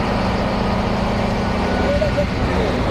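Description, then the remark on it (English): A dump truck's engine rumbles steadily as its bed is raised to unload about 3,000 kilograms of dripping wet weeds from Dal Lake at a compost site, with a brief, thin mechanical whine rising partway through over the constant low drone. “I'm being told to move away as the truck bed is raised.”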